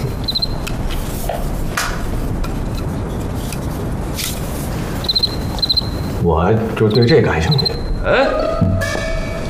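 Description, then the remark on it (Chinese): A cricket chirps in short, high trilling bursts, a few separate groups spaced several seconds apart, over a steady noisy background with some muffled voices and movement toward the end. “我就对这感兴趣。嗯，蛐蛐。”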